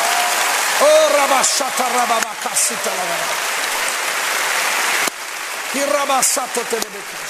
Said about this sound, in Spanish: Hey, si va a aplaudir, aplauda bien. Vamos.